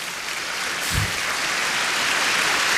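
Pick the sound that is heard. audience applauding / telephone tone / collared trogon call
audience applauding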